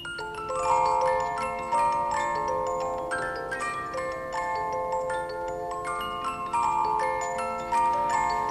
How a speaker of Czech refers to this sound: Mám náladu na trochu muziky. Natáhni ten strojek.